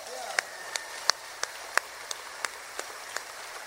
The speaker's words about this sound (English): A nice round of applause, if you will, from Pensacola, Florida,